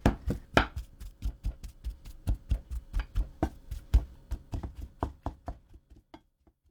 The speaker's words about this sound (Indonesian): Haluskan merata hingga seperti adonan, jangan sampai ada gumpalan. Kalau ingin hasilnya benar-benar halus, Anda bisa menghaluskannya dengan saringan. Menghaluskan ubi dengan sendok memang lebih mudah, tapi pastikan jangan ada gumpalan.